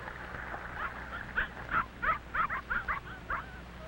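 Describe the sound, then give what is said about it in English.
A big red setter dog running toward them barks in a quick, uneven run of about seven or eight short, yappy barks at moderate loudness over a low steady background rumble, with no talking. “A big red setter is running toward them.”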